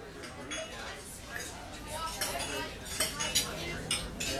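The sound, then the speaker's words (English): Dishes and cutlery clink and clatter steadily at a dinner party, with bright metallic taps scattered throughout, under a low murmur of indistinct chatter from several people. “Can you tell if the leftovers from this dinner party are beginning to grow bacteria that could lead to severe diarrhea, vomiting, and stomach cramps?”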